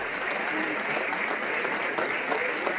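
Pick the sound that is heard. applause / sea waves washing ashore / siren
applause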